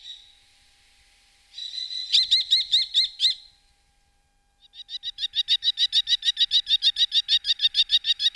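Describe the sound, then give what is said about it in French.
A common kestrel, a small falcon, gives shrill, rapid kee-kee-kee calls, first a short burst, then after a pause a longer, steady series running to the end, clear with no voices. “Et pour terminer, un rapace, le petit faucon cresserelle que tout le monde connaît et a déjà vu voler en surplace.”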